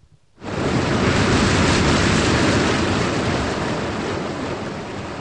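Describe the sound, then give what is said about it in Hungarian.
A loud, steady rush of water bursts in suddenly after a brief silence and roars on continuously as water drains out of a pool, easing only slightly toward the end. No one speaks. “Előbb itt még víz volt a medencében, uram. Eltűnt.”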